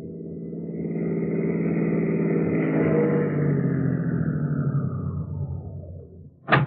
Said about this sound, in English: So at 4 o'clock the next morning, two city cars pulled up in front of the rooming house at 8722 2nd Avenue.